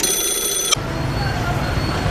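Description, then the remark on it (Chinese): A telephone call to a security department rings briefly in a steady, buzzy tone for under a second, then cuts off abruptly into a rough, noisy line hiss as the call connects. “查这里保卫科电话，打通对对。”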